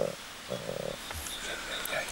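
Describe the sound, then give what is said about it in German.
A snow leopard, the second one at a vaccination appointment, breathing slowly in low, raspy huffs, with a soft airy hiss of its breath running through the short stretch and a few faint higher squeaks. “Ist deutlich langsamer und da sind die Atemgeräusche unabhängig davon.”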